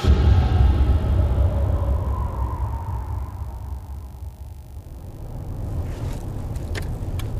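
A car drives along the road on a journey back from Almería toward Catalonia, its steady low engine rumble and tire noise filling the scene, with a passing whoosh fading early on and a few faint clicks near the end.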